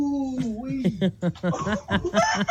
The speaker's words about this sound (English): Hey, buddy, the rooster's trying to peck away. Listen to that bird.